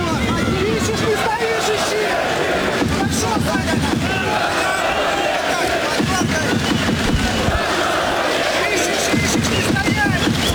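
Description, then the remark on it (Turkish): A large arena crowd at a boxing match between Alexander Povetkin and Rudenko bursts into sustained applause as Rudenko turns back to the fight, dense clapping steady throughout, mixed with a loud roar of voices and shouts from the crowd. “Evet, Rabinski öyle ters baktı ve Rudenko ringe, daha doğrusu maça dönünce de salonda bir alkış tufanı koptu.”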